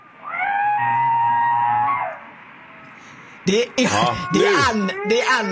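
A person stepping into cold sea water lets out a long, steady, high-pitched cry, then after a short pause gives a burst of loud, wavering yelps and gasping exclamations.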